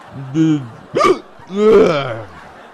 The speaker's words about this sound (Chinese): 咱俩配合，打嗝你来， 哎， 就蒙着我来。